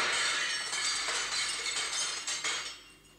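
Mirror glass shatters in a workshop and keeps tinkling and clinking for a few seconds as shards fall, bright, fading out at the end with no voices.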